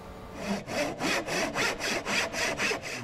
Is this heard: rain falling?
no